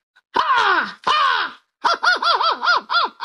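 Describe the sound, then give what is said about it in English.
A human voice imitates an American crow: two loud, harsh, drawn-out caws that slide downward, then a quick run of five or six shorter wavering caws. No speech is mixed in. “An American crow.”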